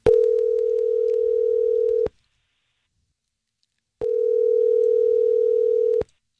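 A telephone line tone sounds in two steady, loud two-second bursts separated by a two-second silence, as an outgoing call rings a woman's phone to ask about a date, with no voices.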